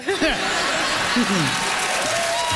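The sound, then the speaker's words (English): A studio audience at a comedy quiz show laughs and applauds a joke answer about Prince Edward Island, a steady wash of clapping with rising and falling bursts of laughter and chuckles over it, fairly loud throughout. “The crowd has signaled their enjoyment of that one.”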